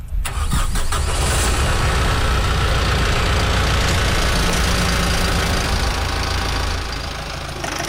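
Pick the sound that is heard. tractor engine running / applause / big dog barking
tractor engine running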